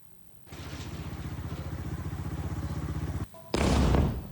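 A steady, rapidly pulsing rumble runs for a few seconds, cuts out briefly, then a sudden loud explosion from an Israeli airstrike on the Ali al-Taher area in southern Lebanon erupts with a harsh, roaring blast of noise that lingers to the end.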